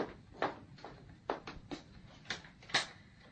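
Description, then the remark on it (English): A door being opened, heard as a quick series of irregular clicks and knocks from the latch and handle, with no voices over it. “There's someone at the door. Open it, then.”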